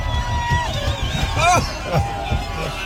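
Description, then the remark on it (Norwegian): At Alpe d'Huez, an excited crowd cheers and shouts around a car, rocking it, with high whoops and voices rising and falling over a steady roar of chatter and thumping low rumbles throughout. “Og her det da altså bilen som gynger av folk som blir så gira av å se dere.”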